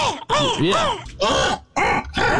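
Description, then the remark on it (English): A person voices a raspy, gargling imitation of a crow's caw, three loud, throaty bursts with warbling pitch, with no other talking. “that kind of gargle sound, I would always do a crow sound like, right.”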